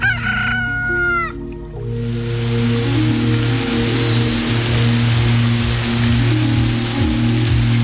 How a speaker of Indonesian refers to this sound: Belakangan ini, cuaca sudah mulai lembab dan hujan sudah mulai turun.